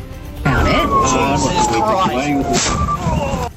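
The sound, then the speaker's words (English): A siren on a personal car, driven with blue lights activated in Perth, wails under a busy street scene: one long tone glides slowly downward, with murmuring voices and traffic noise underneath, fairly loud throughout. “Extraordinary dash cam capturing the moment he crashed head-on with another car in Perth, allegedly travelling 30 kilometres above the speed limit with blue lights and sirens activated on his personal vehicle.”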